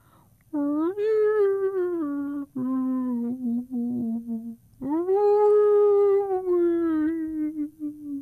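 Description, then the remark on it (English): Humpback whale song: three long, mournful tonal moans that swell and glide slowly in pitch, rich with harmonics, the middle one wavering and broken, all loud with no other sounds. “Cradled in the crook of her tail, he listened to the soothing rhythms of her whale song.”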